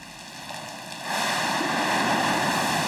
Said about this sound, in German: Über 4000 Liter Neckarwasser stürzen herab und spülen die Ablagerungen in die Ablaufrinne.